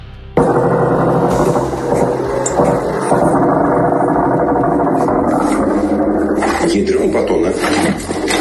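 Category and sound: vehicle, attack drones buzzing overhead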